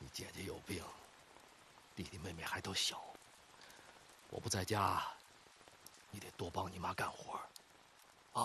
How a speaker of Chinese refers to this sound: 夜淋雨大，屋顶漏雨，床板这块也漏，我给你挡着点。